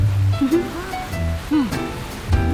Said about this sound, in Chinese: 就像我们现在听雨声就是野趣。